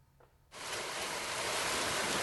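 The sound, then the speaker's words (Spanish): After half a second of near silence, a heavy hailstorm in Cuenca, Spain, on a Friday afternoon erupts into a dense, roaring wash of hard pelting noise that stays loud and steady to the end, with no voices. “Esta fuerte granizada ha caído en Cuenca.”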